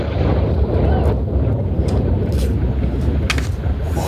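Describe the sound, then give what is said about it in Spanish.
A distant rocket explosion during a routine engine test at Cape Canaveral, Florida, recorded from the coast opposite the space station, arrives as a deep, steady rumbling roar that stays loud and unbroken for several seconds, with wind buffeting the microphone and no voices. “Este era el momento captado por los aficionados que presenciaron esa explosión desde la costa frente a la Estación Espacial de Cabo Cañaveral.”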